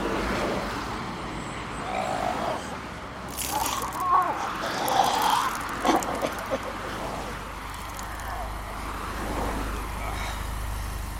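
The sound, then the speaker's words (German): A chauffeur-driven car drives along with a steady, low engine rumble and road noise, continuous throughout and growing slightly heavier toward the end, with a few brief higher sounds mid-way. “Dieser Wagen wurde ausschließlich für Sie reserviert.”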